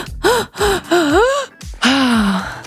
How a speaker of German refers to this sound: Atmet fünfmal ein und nur einmal aus. Das gibt eurem Gehirn Sauerstoff und durch das Konzentrieren auf die Atmung aktiviert ihr eure grauen Zellen.